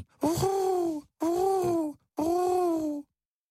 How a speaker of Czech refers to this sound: Náhle kdesi v podstřeší něco zahrašilo. A po chvíli bylo slyšet nesmělé vrkání.